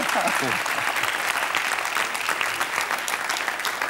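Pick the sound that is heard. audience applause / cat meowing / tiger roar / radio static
audience applause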